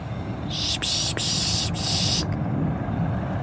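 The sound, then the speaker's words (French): A person mimics a raptor's call with a steady, high-pitched hissing whistle lasting under two seconds, to draw small birds in. It breaks briefly a few times, over a low outdoor rumble. “On peut imiter un peu les rapaces ou certains bruits d'oiseaux pour les faire venir et pour dire ouais, je t'ai vu, viens voir.”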